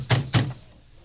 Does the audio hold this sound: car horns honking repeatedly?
no